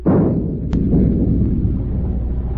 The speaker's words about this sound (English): Stand by to open fire. Aye, aye, sir. Forward gun loaded. Fire a shot across her bow.